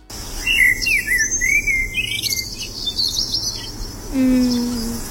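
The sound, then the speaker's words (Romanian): A blackbird chirps in a series of bright, sliding whistled phrases over a steady low outdoor hum, with a lower sustained tone near the end. “O fi și o rândunică pe acolo, dar cred că era foarte clar o mierlă care scotea aceste ciripituri foarte drăguțe.”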